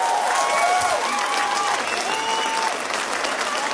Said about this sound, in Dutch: Geef dat zo'n één groot applaus. Dat hebben ze verdiend.